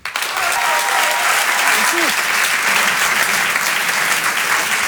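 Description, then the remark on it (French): Sustained audience applause at a live comedy show at the Grand Point Virgule, welcoming a comedian on stage: a dense, steady wash of many hands clapping at constant loudness for several seconds, with a brief faint voice or cheer rising through it early on. “Je vous demande de l'applaudir très chaleureusement, s'il vous plaît.”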